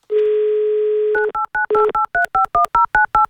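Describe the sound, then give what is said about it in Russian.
A steady dial tone for about a second, then a quick run of touch-tone beeps as a listener's phone number is dialed on an Avtoradio radio show, each short dual-pitched tone evenly spaced and clear, with no voices. “Набираем ее номер телефона.”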